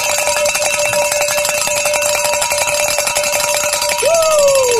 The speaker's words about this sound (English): I'd love to ring the bells in our first hour back together again. It's our reunion tour. And get your bell out, because here we go.